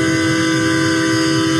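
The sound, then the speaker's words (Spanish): A loud train whistle blows in one steady, unbroken blast, its layered chord-like tone holding constant pitch for the whole second and a half, with no voices. “El pitido de la Máquina, que bueno, en la revisión.”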